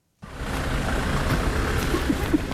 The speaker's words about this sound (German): Mit dem Auto geht es an den Stadtrand von Slowjansk.